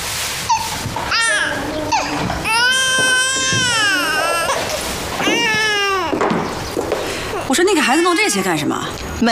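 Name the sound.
baby crying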